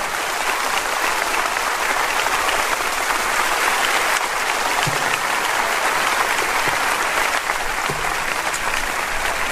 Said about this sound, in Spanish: Póngase de pie conmigo si es tan amable y dele un aplauso al Señor cuando usted lo pueda hacer. Gracias, Señor.